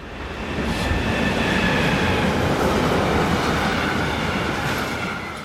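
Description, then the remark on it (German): A freight train on the railway line along the left bank of the Rhine rumbles past, a sustained heavy roar of wheels and cars swelling in and fading slightly at the end, with faint metallic squeals above. No one speaks. “Die Güterzüge fahren jetzt auf der linken Rheinseite, die dann später saniert wird.”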